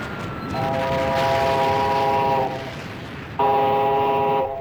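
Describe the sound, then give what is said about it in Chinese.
A train rumbles steadily as it slowly pulls into a small railway station platform on the outskirts of Shanghai, while its horn sounds two long, loud blasts, the first lasting about two seconds, the second starting after a short gap. No one speaks. “一个月后，上海郊外一个小火车站的月台上，齐长鹏和萧啸天在等待着，他们是来迎接邓颖超一行的。”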